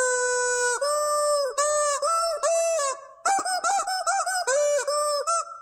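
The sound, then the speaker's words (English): A squeaky rubber chicken toy squeals out the melody of a song as a clue for guessing its artist and title, with long sustained squawks shifting pitch in a tune-like pattern, loud with brief gaps between notes. “you get your very own squeaky chicken”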